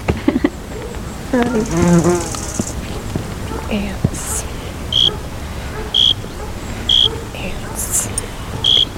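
Bees buzz near the start in a wavering drone that rises and falls, followed by short, evenly spaced high electronic beeps over faint background noise.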